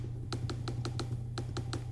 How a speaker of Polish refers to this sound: Touchpad, jeżeli nie wiem, czy będzie słychać, ale klika